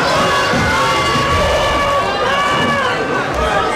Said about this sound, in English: Applause then for, well, amongst others